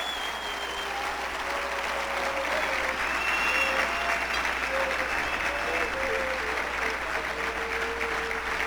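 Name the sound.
audience applauding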